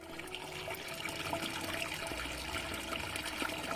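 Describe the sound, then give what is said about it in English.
Water pours and splashes steadily, a continuous rushing flow that grows a little fuller partway through, with no voices, as water is prepared for the ritual ghusl washing of a body. “The preliminary step is preparation of the water that has to be done.”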